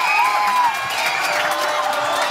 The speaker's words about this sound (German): Nein! Man hört es am Jubel, 1-0 Spanien, Nico Williams.